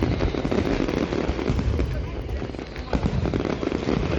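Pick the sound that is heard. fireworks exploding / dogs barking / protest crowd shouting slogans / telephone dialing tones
fireworks exploding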